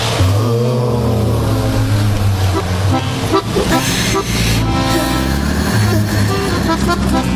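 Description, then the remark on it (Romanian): A garbage truck and bulldozers rumble loudly and continuously, while car horns toot repeatedly over the dense, droning engine noise of busy traffic. “E mașina salubrității și buldozerele.”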